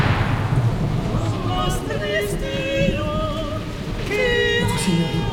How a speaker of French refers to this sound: Qu'y a-t-il, mon ami? Cette tempête qui s'abat sur vous, avez-vous pas peur que le bâtiment ne faut-il pas faire évacuer le roi?